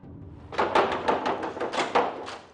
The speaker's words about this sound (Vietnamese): Nè, anh cô, làm gì mà tôi gõ cửa muốn gãy tay luôn vậy hả?